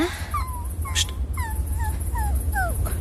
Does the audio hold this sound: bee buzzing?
no